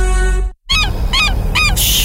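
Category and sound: bird, seagulls calling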